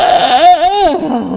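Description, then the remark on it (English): A person makes a single drawn-out, dog-like growling noise, fairly loud, with a wavering, whiny pitch that rises and falls over about a second. “Now I sound like my dog.”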